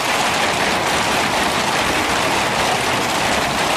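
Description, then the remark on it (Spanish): Rain falls in a steady, even hiss that fills the whole clip without pauses or distinct drops. It stays at a constant, fairly loud level, and no one speaks. “Pero en los últimos tiempos cada vez más personas escuchan ese mismo sonido con una mezcla de alivio y preocupación.”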